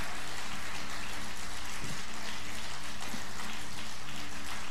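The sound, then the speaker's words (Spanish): An audience applauds in a steady, dense wash of clapping that holds at an even level for several seconds, with no voices over it. “pero el Señor, vamos, si usted le va a dar el aplauso, dáselo con todas las fuerzas.”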